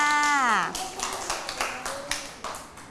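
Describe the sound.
A voice speaks briefly, then a group of children breaks into quick, uneven applause for a child who answered a guessing question in a class activity: a run of sharp claps, moderately loud, that keeps going to the end.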